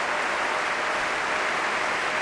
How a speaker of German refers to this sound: Sie hören den Jubel.